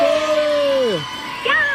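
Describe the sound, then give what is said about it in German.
A raven calls twice: a long, drawn-out cry that slides downward in pitch, then after a short pause a brief, higher, rising call. Both are loud and ringing, with no talking. “Was würdest du sagen, ist es für ein Vogel? Der Rabe.”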